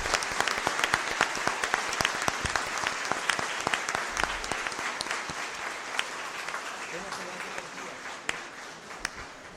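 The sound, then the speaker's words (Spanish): Sustained applause from an audience at the end of a Mass, given toward heaven in remembrance of departed mothers, many hands clapping in a dense, steady patter with sharp individual claps standing out, holding at an even loudness for several seconds before thinning slightly at the end. “Démosle un fuerte aplauso al cielo y a todos quienes recordamos hoy día.”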